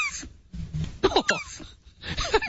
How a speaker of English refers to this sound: … giving us the sound of a turtle